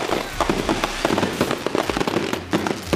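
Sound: fireworks exploding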